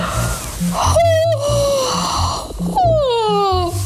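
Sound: yawning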